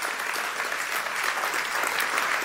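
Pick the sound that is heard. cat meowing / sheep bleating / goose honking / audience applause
audience applause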